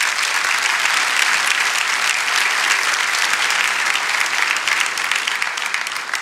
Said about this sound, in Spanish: Entonces hoy dale ese aplauso a Jesús.